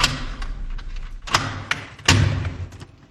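Someone knocks on a door, a series of irregular thuds, some firm and loud, others lighter, with no voices.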